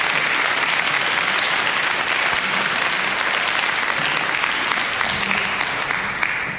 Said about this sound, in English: Oh, the baptism is concluded. You may return to your places. Let's give them a round of applause in welcome, shall we?